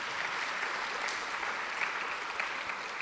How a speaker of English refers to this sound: All right, round of applause for Philippa.